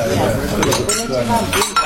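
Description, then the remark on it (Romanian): Glasses and tableware clink repeatedly around a busy table in a dining room, with sharp bright taps and faint voices murmuring underneath, as drinks are poured into glasses for a gathered party. “Ia, ia, haide, turnați în pahară.”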